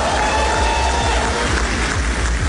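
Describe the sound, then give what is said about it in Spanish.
Cuban opposition members applaud as the U.S. Attorney General announces an indictment of Raúl Castro: a dense wash of many hands clapping at an even, fairly loud level for the whole stretch, with a faint murmur of voices underneath. “El anuncio lo hacía ante varios opositores cubanos que reaccionaron con aplausos a la imputación del líder cubano que tiene ahora 94 años.”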